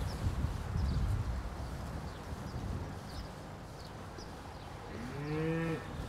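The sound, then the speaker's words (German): A cow that has just calved and is pushing out part of its uterus lets out one low, drawn-out moo near the end, its tone sliding slightly, after several seconds of steady rumbling background noise with faint chirps and no voices. “Du, wir haben eine Kuh, die hat gerade gekalbt, die drückt sich die Gebärmutter raus.”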